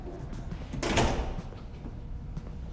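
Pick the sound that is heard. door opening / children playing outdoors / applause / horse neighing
door opening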